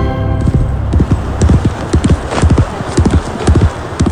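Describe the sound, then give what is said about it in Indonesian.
Horse hooves clip-clop in a steady, repeated rhythm, fairly loud, with a faint hint of a neigh and no talking over the hoofbeats. “Dari tenis kita ke pacuan kuda.”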